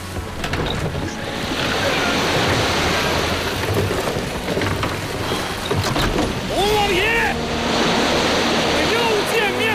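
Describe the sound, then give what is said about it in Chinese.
Ocean waves crash and roar in a steady, loud, stormy wash of water, with a few brief high whistling cries rising over the surf midway through. “把我那尊铜炮推到船头，对准海浪，轰他一把！”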